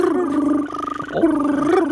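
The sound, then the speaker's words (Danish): A human voice imitates a European green toad's trilling call, holding a steady, buzzing mid-pitched trill for about two seconds, with a brief rattling wobble partway through before it smooths out again. “Sådan her lyder den grønbrogede tusse.”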